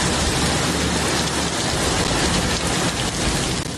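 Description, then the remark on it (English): Heavy rain from a storm pours down over the valley in Arizona in a steady, dense roar, a loud downpour with no pauses and no voices. “The storm slamming the valley from dust to downpours.”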